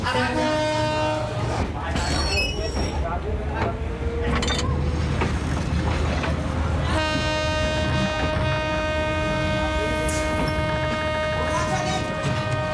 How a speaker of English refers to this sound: Most of Madagascar's French-built rail network has crumbled into nothingness. But this train still runs.